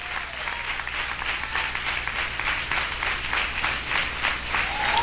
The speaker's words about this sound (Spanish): Y se da palmas a Dios, désela con todo el corazón.